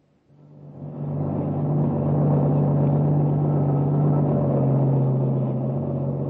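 A truck's engine rumbles steadily as it drives past at speed on a highway, the only vehicle on it for miles, the low droning roar rising in the first second and then holding loud and constant, with no voices.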